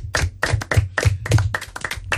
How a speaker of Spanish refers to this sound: Pues venga, un aplauso a estos grandes, que lo han hecho muy bien.